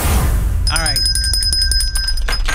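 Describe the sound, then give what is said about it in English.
A bell is rung repeatedly in quick, steady strikes, its bright, high ringing tones sustaining and layering over each other, with a brief bit of voice just before it starts. “You sure are happy with that bell.”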